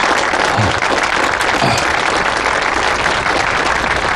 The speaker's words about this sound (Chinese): 那接下来也让我们一同有请新郎的家长上台，为二位新人送上祝福。朋友们，掌声有请。